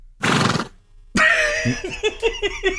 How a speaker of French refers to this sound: Ok, le cheval.